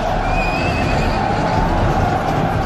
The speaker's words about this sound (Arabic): أرى فارسا يركض بفرسه، أظنه بريدا من الخليفة. أجل، إنه بريد أمير المؤمنين عمر بن الخطاب